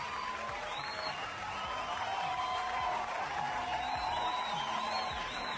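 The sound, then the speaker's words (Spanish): Steady, loud audience applause for the country's traumatologists on Traumatologist's Day fills the whole stretch, a dense wash of many hands clapping with a faint murmur of crowd voices and an occasional whoop underneath. “Vamos a aplaudir fuerte para los profesionales de esta área entonces.”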